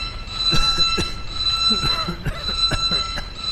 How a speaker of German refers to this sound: schalte Alarm aus.